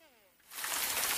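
A faint voice trails off, then steady rain starts up, a dense, even hiss of falling drops that holds at a moderate, close level to the end.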